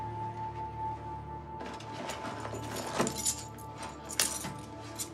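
house keys jangling

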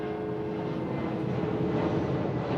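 airplanes flying overhead

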